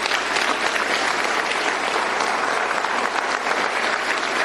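Sustained applause from a large audience, dense and steady clapping filling the room at a loud, even level throughout with no pauses.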